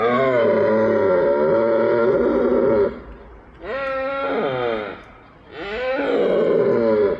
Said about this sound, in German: Wie von Mario Ritter bereits erwähnt, befinden sich die Hirsche gerade in der Brunftzeit, was weithin akustisch zu vernehmen ist.